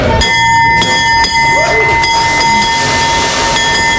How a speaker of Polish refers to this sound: Po 10 latach na giełdzie papierów wartościowych pojawił się nowy dzwon otwierający sesję notowania. 3, 2, 1.